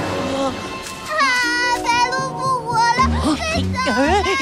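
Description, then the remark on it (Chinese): A young child cries loudly, a continuous wavering wail with rising and falling pitch that breaks into shorter sobbing bursts toward the end. “乖乖，不哭了啊！”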